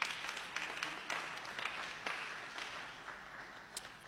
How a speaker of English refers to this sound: Thank God for another brand new year. Go ahead and applaud.